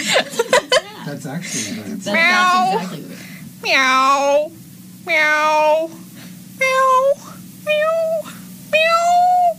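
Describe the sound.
A person imitates different types of cat meows, about six drawn-out, varied mews in a row with short pauses between, loud, after a brief burst of quick clicks and chuckling at the start.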